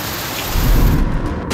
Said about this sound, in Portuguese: Agora sim, em Vila Nova de Gaia, choveu com intensidade.